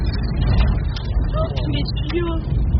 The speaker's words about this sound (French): Vous entendez la force de la mini-tornade, ou plutôt des débris qu'elle projette sur le pare-brise de la voiture.